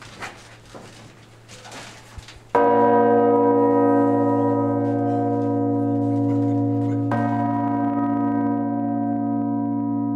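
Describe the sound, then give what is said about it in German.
A huge five-ton church bell, the heaviest of a full set of bells in a bell tower, strikes loudly at close range, heard from directly beneath it, after a few seconds of low rumbling, its deep tone ringing on with rich sustained overtones, struck again about four seconds later. “Diese Glocke, 5 Tonnen, wurde früher mit dem Seil gezogen.”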